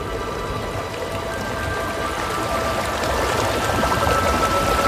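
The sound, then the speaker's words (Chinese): Water of the Tagliamento river flows in a steady, unbroken rush through a snow-covered, silent white landscape about 5 km south of its source, a dense hiss and gurgle that holds the same loudness throughout, swelling slightly toward the end. No voices are heard. “河水不停歇地流淌着，穿过这片寂静而迷人的白色世界。”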